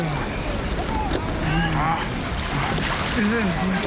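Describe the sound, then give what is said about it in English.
Steady, rough water sloshing against a small rowing boat, a continuous wash of noise with muffled voices murmuring underneath. “Curse these waves.”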